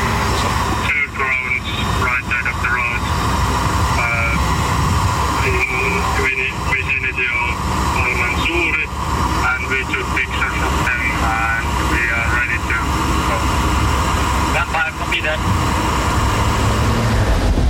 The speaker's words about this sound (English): You can see it in the right. There has been an explosion in the area. where the drone is. There is a smoke rising from there. Now we are photographing the drone and then surrounding our area for a report.